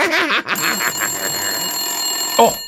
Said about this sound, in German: schon wieder Telefon. Das gibt's doch gar nicht. Wer ruft uns denn hier andauernd an?